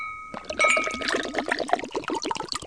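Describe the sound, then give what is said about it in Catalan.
A glass rings briefly, then mistela liqueur made in Pego is poured into it in a steady, bubbling stream that gurgles on for a couple of seconds, with no one speaking. “Doneu-li un glopé de mistela que baixa l'arròs.”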